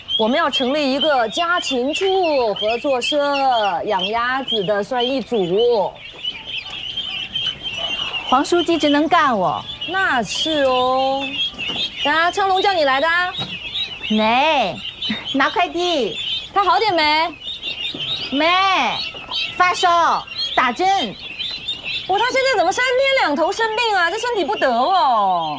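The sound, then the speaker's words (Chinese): A crowd of ducklings, ordered for poor households starting to raise ducks, peeps nonstop and loud, their high overlapping chirps forming a dense, restless chorus that runs the whole time without pause. “王主任，你买了这么多小鸭子没？”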